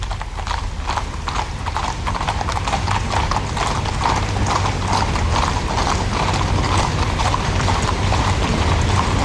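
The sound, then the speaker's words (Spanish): Steady clip-clop of many horse hooves on hard ground, a continuous brisk rhythm of overlapping hoofbeats, with a low rumbling background throughout; the mounted service of the Spanish Royal Guard parading, with grey, chestnut and Hispano-Breton horses. “pero que al mando de un cabo primero, que hemos podido apreciar ya, lleva un estandarte en el cual vemos los crines de las tres diferentes capas que conforman el servicio a caballo de la Guardia Real.”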